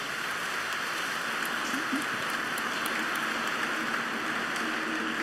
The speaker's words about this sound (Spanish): Aquí están todos los padres. ¿Están bien con los tres? Sí, ok. Un aplauso a todos los padres. Gracias.